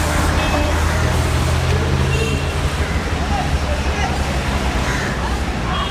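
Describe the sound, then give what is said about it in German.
Busy street traffic with cars and mopeds rumbling past in a steady, loud roar, joined by a faint murmur of voices in the background. “Zwischen den Autos und Mopeds ist es nicht sehr gemütlich.”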